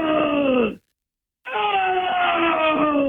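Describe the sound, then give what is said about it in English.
A man's voice imitates a black bear's grunting call with loud, drawn-out groaning 'oh' sounds, one call breaking off into a brief silence before a longer one continues. “And he had one of my sheep up there, I think, because I heard him go, "Oh! Oh! Oh! Oh!”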